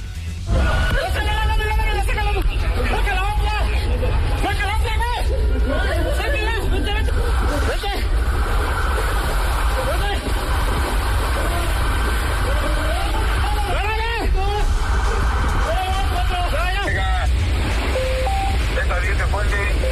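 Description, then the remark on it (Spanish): Several voices shout and call over each other as police rescue a driver trapped in his vehicle in a flooded city underpass during heavy rain, with a steady rumble of an engine and rushing water-like noise underneath throughout. “Escuche usted, este es el momento en que los policías rescatan a un conductor que de plano quedó atrapado su vehículo en un bajo puente en la ciudad.”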